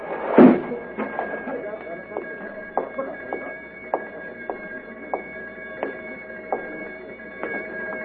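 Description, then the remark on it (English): A metal sliding door slams shut with a heavy clang, then a sustained metallic ringing hum lingers, broken by a series of faint ticks and rattles as it settles. “Metal door sliding shut.”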